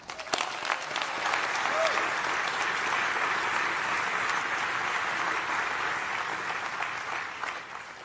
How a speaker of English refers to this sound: Let's give a round of applause to the engineers, scientists, and administrators that have kept that beacon of collaboration alive.